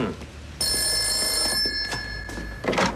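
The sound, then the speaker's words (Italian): A telephone rings with a bright, sustained electronic bell tone lasting over a second, an incoming call from Signora Tarantini, over steady room noise and a few soft knocks or clatters. “La signora Tarantini al telefono.”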